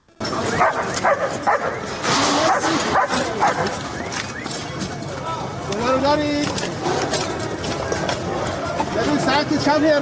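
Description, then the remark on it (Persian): Leo, an Iranian Red Crescent Society search-and-rescue dog, barks repeatedly, with yips and a whimper, amid a busy, noisy scene where voices are talking in the background throughout. “لئو سگ زنده یاب جمعیت هلال احمر که در طی حملات نظامی آمریکا و اسرائیل به ایران بدون وقفه به عملیات جستجو و نجات پرداخت و نقش مهمی در پیدا کردن پیکرها و نجات افراد زنده از زیر آوار جنگ داشت.”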